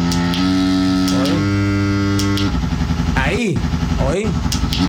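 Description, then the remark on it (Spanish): A loud motorcycle exhaust drones steadily, then revs up and drops off several times as the rider shifts through the gears of its 6-speed gearbox, each change a quick rising-and-falling swoop. “Oye el escape.”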